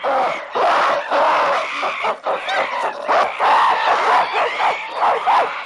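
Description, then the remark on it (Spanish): Harsh, overlapping screams and shrieks from two rival groups of monkeys at a pond, the residents defending their water and the invaders answering with aggressive cries. Loud and continuous, with chattering calls layered on top in a chaotic, agitated chorus. “Los invasores no se arredran y responden con iguales gestos y gritos agresivos.”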